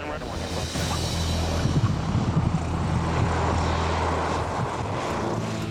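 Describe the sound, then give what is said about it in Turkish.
A propeller airplane's engine drones loudly and steadily, with a low throbbing hum and rushing wind noise, as the 2,500-kilogram aircraft comes in to land in strong gusting wind. “Dünyanın en iyi inişi olmadı ama ilk sefer için fena sayılmazdı.”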